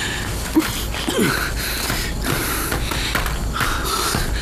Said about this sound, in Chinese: 你个大小伙子，跑个两步路，你又是喘又是咳嗽的，你赶紧说。